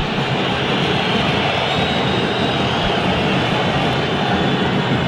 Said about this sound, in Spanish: Escuchemos los silbidos y ahora seguimos.